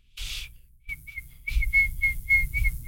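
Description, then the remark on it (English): A person attempts to whistle Jingle Bells, producing a breathy puff of air and then a string of short, thin, wavering notes that keep breaking into hissing air, with no talking. “I've never been good at whistling.”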